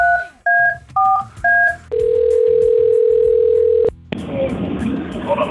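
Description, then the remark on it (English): A telephone being dialed: four quick two-note keypad beeps, then a single steady tone held for about two seconds, followed by a hissy, crackling open line. “Let's get him on the phone here.”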